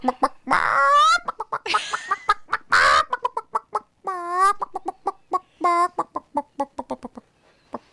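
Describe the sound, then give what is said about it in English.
A person in a studio does a loud imitation of a chicken, rapid staccato clucks punctuated by a few drawn-out squawking cackles, with no other talking. “I feel like there might be a really sexy, flaming, hot chicken in here.”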